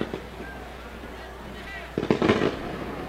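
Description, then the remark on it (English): A series of fireworks pops and booms crackling in quick succession over steady outdoor ambience, with a faint hum and murmur of a crowd in the background, set off from the Canaries field during a football game at Howard Field. “As there's fireworks going off in the background here at Howard Field from the Canaries field.”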